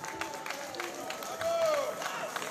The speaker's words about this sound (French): Et donc, vous m'applaudissez très très très fort. Voilà.